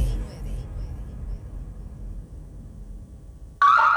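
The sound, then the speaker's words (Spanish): A low, steady rumble runs for several seconds, then a loud, shrill home security alarm, activated in zone 7, abruptly blares on near the end, harsh. “Nos comunicamos de Alarmex. Recibimos activación de la zona 7.”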